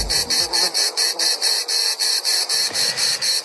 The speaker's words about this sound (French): Après le grillon, place à la cigale.